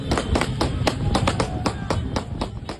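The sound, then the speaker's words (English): A rapid string of sharp gunshots, around a dozen cracks in quick, slightly uneven succession, fired near an illegal horse race on a public road in eastern Sicily, ringing out over a steady bed of outdoor crowd and street noise. “But then come the gunshots.”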